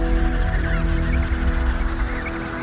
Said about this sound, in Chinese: 没过多久，南极大陆上就听不到帝企鹅的求偶声了。